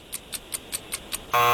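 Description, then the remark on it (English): A game show timer ticks down with six quick, evenly spaced high beeps, then a loud, sustained harsh buzzer blares at the end of a trivia round, prominent with no talking. “There is the buzzer.”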